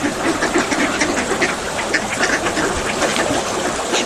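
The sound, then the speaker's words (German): A flock of ducks on a lake quacking busily and continuously, many calls overlapping at a fairly loud, steady level with no voices present; the lake water is very calm today. “Das Wasser ist heute sehr ruhig und man kann die Enten hören.”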